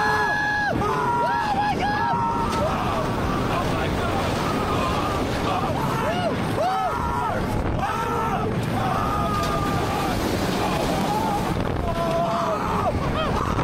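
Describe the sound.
Two men scream and shriek almost nonstop on the Dinoconda roller coaster at China Dinosaurs Park in Shangzhou, China. Their high voices rise and fall in long wails through drops, twists and a full loop, over a constant loud roar of rushing wind and rattling noise.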